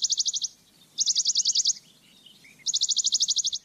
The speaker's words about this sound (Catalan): Mosquiter pàl·lid, Piloscopus bonelli. Ocell estival que trobem d'abril a octubre als boscos.